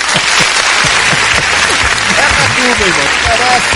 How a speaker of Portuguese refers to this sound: Então, aperta os aplausos aí, Santos. Aperta esse danado, esse botão aí.